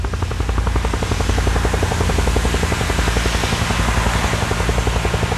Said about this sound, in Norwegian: Meter over Utøya flyr et helikopter.